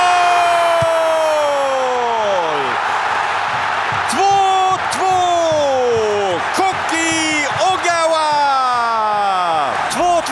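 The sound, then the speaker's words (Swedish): A stadium crowd in the Japanese section of the stands cheers loudly after Japan heads in a late equalizer from a corner in the 88th minute against the Netherlands, a dense continuous roar topped by repeated falling whoops and wailing, horn-like tones that rise and slide down again and again. “Och vilket jubel på den japanska delen av läktaren.”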